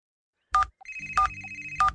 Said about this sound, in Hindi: पता नहीं मुझसे कौन सा बटन दब गया और इस मोबाइल फोन की आवाज बंद ही नहीं हो रही है।